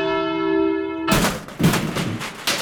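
A steady, buzzy phone-line tone holds for about a second, then cuts abruptly into loud bursts of harsh crackling line noise as a call from a caller in Ivanovo Oblast drops over a poor connection. No one speaks.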